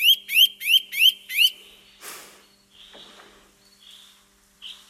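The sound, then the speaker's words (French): A Eurasian nuthatch calls five times in a quick, even series of loud, clear rising whistles, followed by a few softer notes against quiet background noise. “On a parlé de la citelle torchepeau au début de cette émission. On va l'écouter, la citelle.”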